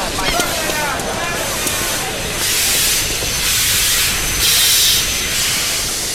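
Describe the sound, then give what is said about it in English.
A steam train hisses in loud, repeated bursts of release, each lasting under a second, over a low rumbling background with faint murmuring voices and whistle-like tones early on. “We don't want to miss the train.”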